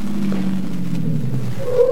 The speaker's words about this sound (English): Car stopping in front.